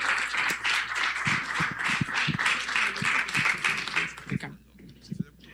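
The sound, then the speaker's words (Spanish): A crowd gives a strong round of applause for a visiting doctor who came to share his projects, a dense, steady wash of clapping for about four seconds, then it thins out and fades to a few scattered claps. “Entonces, le damos, por favor, un fuerte aplauso, y yo le agradezco, y esperemos que lo tengamos más seguido por acá con estos proyectos.”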